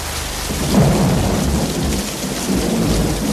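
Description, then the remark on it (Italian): Steady, dense rain pours down, a continuous hiss with low rumbling swells that suggest thunder rolling underneath. No voices, just the constant downpour. “Fammelo dire prima che la pioggia finisca e noi torniamo indietro.”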